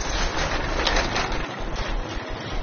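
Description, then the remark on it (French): A dense, noisy wash of many birds calling and chattering at once, loud and continuous for the whole stretch, with no voices. “ils font beaucoup plus de bruit que les autos, les oiseaux.”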